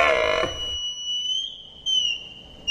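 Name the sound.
red deer stag bellowing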